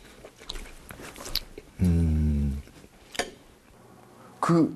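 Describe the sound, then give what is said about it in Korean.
Wet chewing of food, eaten slowly, with soft crackly clicks. A sustained voiced hum breaks in midway and another short vocal sound comes near the end, with a sharp crunch-like snap between them. “근데 되게 음식의 맛을 곱씹게 되고 빨리 먹을 수가 없어요. 네. 씹어야 돼.”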